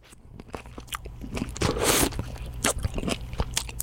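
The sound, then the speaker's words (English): A close, wet bite into a small, juicy, orangish cherry tomato, followed by squishy chewing and a burst of moist crunching, loud and right up against the microphone with no talking. “What do you call this little orangish ball? Well, I call it a cherry tomato.”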